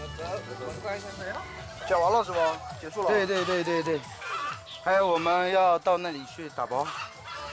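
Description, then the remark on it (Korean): A flock of Guibi chicken hens and roosters calling over one another, with rising and falling warbling squawks and clucks that come in loud overlapping bursts for the whole stretch. “귀비닭은 요즘 개체수를 꾸준히 늘리는 중이어서 암탉과 수탉의 비율을 맞춰 세심하게 관리하는 중입니다.”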